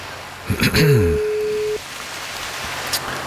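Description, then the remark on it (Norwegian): A single steady ringback tone on an outgoing phone call placed live on air by radio hosts, lasting about a second, starts as a voice briefly speaks over it. A faint hiss like light rain runs throughout. “Ja, det ringer.”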